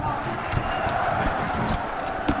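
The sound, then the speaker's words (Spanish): A football crowd chants "Málaga, Málaga, Málaga" in a dense, steady roar of many voices, with a few sharp thuds breaking through the din. “Gritos de Málaga, Málaga, Málaga.”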